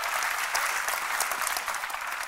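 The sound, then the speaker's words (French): A crowd claps steadily, a dense wash of many hands applauding at an even level throughout, with no voices standing out. “David aussi aurait applaudi.”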